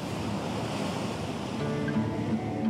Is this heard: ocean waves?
yes